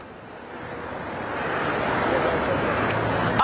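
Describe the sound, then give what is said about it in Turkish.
A steady roar of road traffic about 100 metres from the Çamlıca toll booths in Istanbul, growing slightly louder as vehicles stream by in a continuous wash of engine and tyre noise, with no one speaking. “Çamlıca gişelere çok yakın bir noktadayız. Hemen ilerisinde, 100 metre ilerisindeyiz aslında.”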